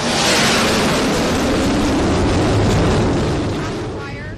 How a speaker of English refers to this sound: And now look, you see a plane just landing right here.